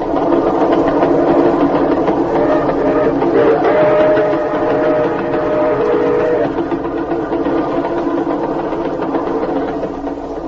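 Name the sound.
train running on rails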